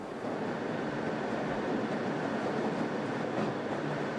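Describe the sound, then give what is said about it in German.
A Jungfraubahn mountain railway train rumbles steadily through a narrow, single-track tunnel, a dense, continuous roar of rolling wheels and rail noise that stays loud throughout, with no voices. “Im Halbstundentakt fahren bis zu 6 Züge durch den engen, eingleisigen Tunnel.”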